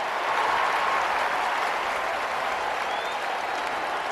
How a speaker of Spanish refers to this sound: Llenando las gradas, el público aplaude y ondea banderitas.